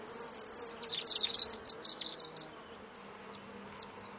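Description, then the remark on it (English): A faint, steady buzz of bees hums low in the background while high, rapid trills of a superb fairy wren chatter over it for a few seconds, then return briefly at the end. “I think there's a few bees in the background too. Yeah, can you hear that? Can you hear a buzzing?”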